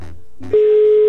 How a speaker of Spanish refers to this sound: Ya se sonó el teléfono, suerte.